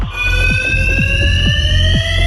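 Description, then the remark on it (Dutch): A fire alarm in a parking garage rings continuously at night in a steady, loud electronic tone, with a faint rhythmic pulsing about twice per second beneath it and a low rumble in the background. “Is het brandalarm?”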